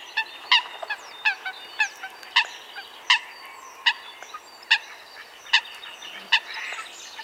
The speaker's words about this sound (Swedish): Ja, nu undrar vi naturligtvis, vad heter den här fågeln? Jag tror att det är en sothöna.